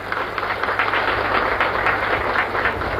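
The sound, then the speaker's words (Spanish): An audience applauds their president steadily for about three seconds, a dense wash of many hands clapping at once at a fairly loud, even level, with no voices standing out. “Un aplauso acá para nuestra presidenta.”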